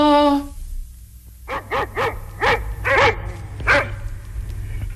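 Dogs bark angrily in a quick burst of about six loud barks, preceded by a short steady whine, with no talking.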